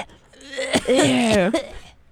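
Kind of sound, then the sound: human body sound, cough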